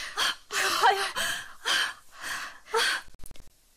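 Heavy, labored panting close to the listener, with about six long, ragged breaths in a steady rhythm, then a quick burst of short, shallow gasps at the end.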